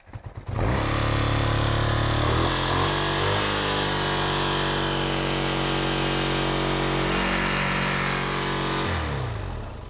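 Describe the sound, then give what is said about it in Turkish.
A carbureted motorcycle engine, started with easy-start spray and the ignition on, catches after a brief moment of quiet, then runs loud and steady with a slight rise in revs, before cutting off near the end. “Karbüratörde benzin olmalı çünkü kolay çalıştırmaya evet, göre kesinlik. Uzun çalışır.”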